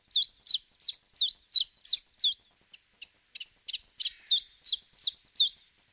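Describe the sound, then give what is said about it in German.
A common chiffchaff, a small olive-brown leaf warbler, sings at the start of the morning with hardly any wind: a steady run of sharp, evenly spaced two-note chips, clear, with a brief softer stutter midway before the bright repeated notes resume. No voices. “Da schickt ein Zilpzalp sein Lied in den beginnenden Morgen.”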